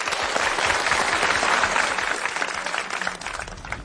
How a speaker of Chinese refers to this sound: 我们掌声欢迎。